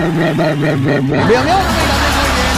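A dog, the pet Cachupina, barks in a quick run of gruff, closely spaced yaps, then lets out a rising whine-like howl, loud against a busy background of crowd chatter.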